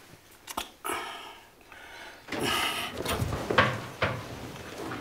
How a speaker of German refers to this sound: Sag mal, warum hast du nur die Tür zugemacht?